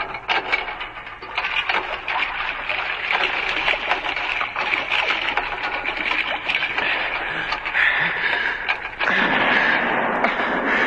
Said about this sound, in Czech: Poplašných výstřelů vypálili ještě několik, až se pro ně skutečně jedna loď odvážila.